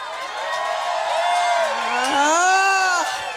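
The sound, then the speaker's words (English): A live crowd at a music show at the Federal roars, with many voices screaming, cheering and whooping at once in a sustained, loud wall of noise, with a few louder shouts rising above the mass. “Screaming and shouting, how loud can you go?”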